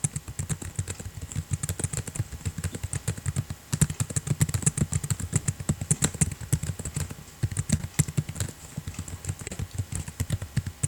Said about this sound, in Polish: właśnie słyszycie to, o czym chciałem powiedzieć, czyli wiatraczek tego komputera.